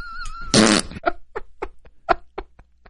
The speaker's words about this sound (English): I mean, the worst thing that's ever happened to me on an airplane was a couple of weeks ago when some dude farted